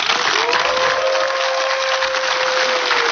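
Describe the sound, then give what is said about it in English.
An audience at a life coaching show claps and cheers loudly and steadily for about three seconds, a dense wash of applause with one long, held cry rising above it. “Cheer him on.”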